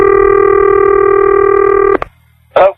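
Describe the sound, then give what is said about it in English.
A loud, steady telephone dialing tone holds for about two seconds, then cuts off with a sharp click, followed by a brief burst of sound a moment later, as a phone call is placed on radio station KGMO. “She's got one of her phone calls.”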